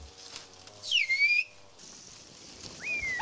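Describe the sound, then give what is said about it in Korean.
Two loud, piercing phrases of whistle language, whistled without hands by a whistling master in Kuşköy, each sliding downward and then holding a steady high tone, with a pause between them and faint background noise. “이분이 지금 쿠시쿄의 휘파람 고수라는데요.”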